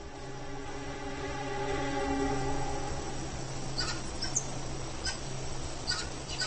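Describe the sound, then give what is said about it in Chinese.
Several monkeys in a troop give loud, overlapping alarm calls warning of a vulture, harsh and sustained for the first few seconds, then fade into a noisy forest backdrop with a few sharp, brief chirps. “猴群又发出了警报。”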